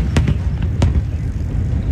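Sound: fireworks exploding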